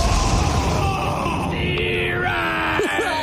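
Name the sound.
lightning strike sound effect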